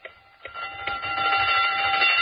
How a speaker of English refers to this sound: It had been a long, long afternoon behind the counter, and the girls were glad to hear the closing bell.